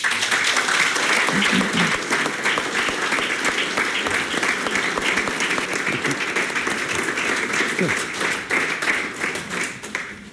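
Guests applaud loudly and steadily after a book presentation on the biography of Otto and Kit Reifs, a dense wash of many hands clapping that holds strong throughout and eases only slightly near the end, with faint murmuring voices underneath.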